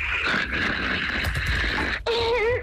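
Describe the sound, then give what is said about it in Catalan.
A husband snores loudly, heard live over a phone line held close to him: one long, rough, rasping breath, a brief break, then a second snore with a wavering, moan-like tone. “Podem confirmar que el marit segueix roncant?”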